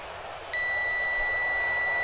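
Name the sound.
radio time signal beeps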